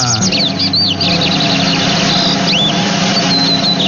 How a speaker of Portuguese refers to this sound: E o passarinho de hoje é o famosíssimo... Quem é o cantor? É o bigodinho, passarinho de hoje.